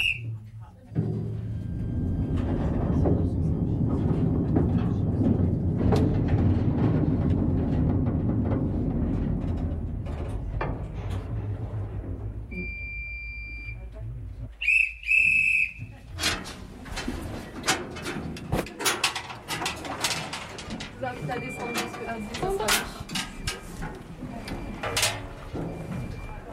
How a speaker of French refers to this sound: Et avec ce magnifique train, nous venons de parcourir 300 mètres de galerie sur les 4 km que comptent les ardoisières